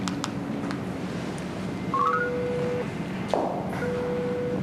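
Telephone dialing tones as someone phones to ask when a few others will arrive: a quick run of short stepped beeps, then a steady electronic phone tone that cuts off and returns, heard fairly clearly over a low background hum with no talking.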